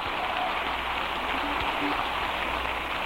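An audience gives a band a big round of applause after a live number: dense overlapping clapping that holds a steady, loud, crackling roar for the whole few seconds without letting up.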